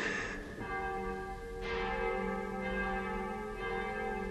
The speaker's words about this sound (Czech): Proboha. Zvony. Co? Už zase.